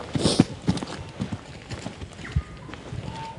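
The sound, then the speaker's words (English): Footsteps of hunters walking through quiet bush, a steady, uneven run of soft thuds and rustles from more than one walker, with faint bird calls chirping briefly in the background. “In the bush, it's quiet now, except for the birdsong and sounds of us walking.”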